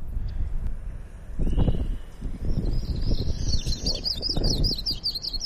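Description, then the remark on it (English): A yellow-rumped warbler call played back: a quick run of high, sweet chirping notes begins partway through and continues to the end, over steady low outdoor wind rumble. “Yeah, yellow-rumped warbler. Is what we're one of the birds we're hearing. I'm gonna play the bird call.”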